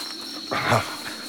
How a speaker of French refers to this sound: On dirait vraiment qu'il n'y a que des moustiques dans ce pays de tonnerre de Brest.